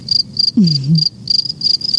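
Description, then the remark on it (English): Crickets chirp as a sound effect meant to show a shop with no customers, in steady, evenly spaced bursts of high, shrill trilling, with a brief low warbling tone sweeping through partway. No one speaks. “I'm going to stop playing crickets”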